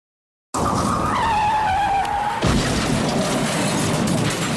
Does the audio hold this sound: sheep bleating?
no